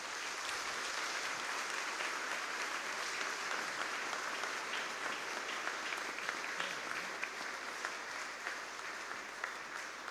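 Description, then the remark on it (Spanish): An audience at a mass celebrating 30 years of the parish of El Salvador del Mundo claps for the Lord in sustained, dense applause that holds steady for about ten seconds, many hands at once, with no voices standing out. “Damos un fuerte aplauso al Señor.”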